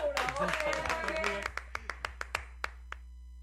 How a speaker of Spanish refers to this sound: ¡Corte ya, señor! ¡Vamos, bravo, aplauso para producciones!